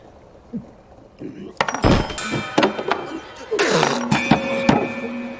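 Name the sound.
cups clinking together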